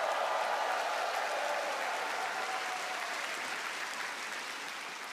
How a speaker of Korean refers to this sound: 네, 우리에게 독립의 감격을 일깨워준 극동방송 어린이 합창단 단원들에게 다시 한번 힘찬 박수 보내주시면 좋겠습니다.